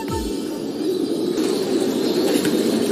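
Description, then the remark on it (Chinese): A flock of domestic White King pigeons, raised for over three months, flaps their wings in free flight, a dense, continuous fluttering that stays fairly loud throughout, with no one speaking. “养殖了三个月以上的白羽王已经能自由飞行了。”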